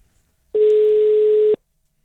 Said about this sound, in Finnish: Lähteekö hälyttää? Lähtee se hälyttää, sen puhelin kun soittaa.